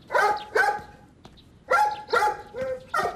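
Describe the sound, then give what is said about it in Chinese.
A small dog barks furiously at a cloth doll in sharp, high-pitched yaps, two quick bursts, a short pause, then four more rapid barks, loud. “小狗正对着布娃娃狂吠”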